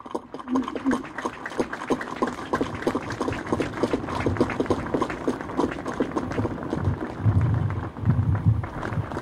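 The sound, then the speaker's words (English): A crowd at a Gurkha regimental birthday gathering applauds itself for its charity work, with dense, steady clapping that carries on for about nine seconds, with a low rumble of murmuring voices rising near the end. “So a round of applause for ourselves, for all that we do for our charities.”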